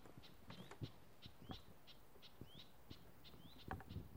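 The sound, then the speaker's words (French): Young birds in a nature reserve give short, high, upward-slurred calls over and over at a quick, steady pace, fairly faint against quiet outdoor background noise, with no one talking. “C'est quelle espèce d'oiseau qu'on entend ? C'est des cris, ça, c'est pas des chants, c'est des cris.”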